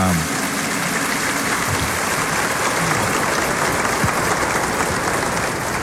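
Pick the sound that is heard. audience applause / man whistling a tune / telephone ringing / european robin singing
audience applause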